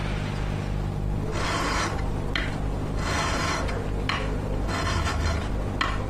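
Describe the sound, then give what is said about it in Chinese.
A hand file in the hands of fitter Fang Wenmo rasps against a metal part for Chinese-made fighter jets in several long, scraping strokes at an uneven pace, fairly loud over a steady low background hum. “这声音来自钳工方文墨手中的锉刀，他打磨的每一个零件都是国产战机搏击长空的硬核底气，方寸毫厘皆是匠心。”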